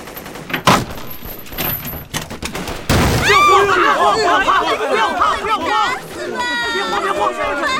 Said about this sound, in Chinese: 你听，枪炮声又近了，放我出去！